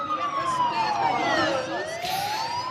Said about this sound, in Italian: L'Ucraina però rimane un paese in guerra. La sirena dell'allarme aereo interrompe il momento dei discorsi finali. In fretta, ma senza sgomitare, la marcia dell'eguaglianza si disperde nelle stazioni metro e nei rifugi antiaerei.